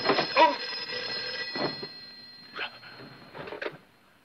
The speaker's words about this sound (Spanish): ¡Ah, el teléfono! Deja que conteste.